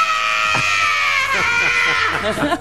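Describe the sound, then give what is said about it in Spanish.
A woman lets out a long, loud, strained scream, reenacting her cry of pain on being injected with adenosine, sustained for a couple of seconds and breaking into shaky, wavering bursts near the end. “Corte A, esta era yo, hasta me voy a hacer para atrás. Haz el grito.”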